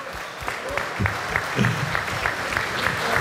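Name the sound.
audience applause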